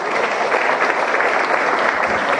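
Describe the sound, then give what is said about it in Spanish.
An audience claps steadily for a group of companies (Nanotech, Editorial Atlas, Fluid, Tony G and the Gran Hotel del Paraguay) as their official photograph is taken, a dense, even wash of many hands with no pauses, loud and continuous throughout. “Un aplauso también para estas empresas.”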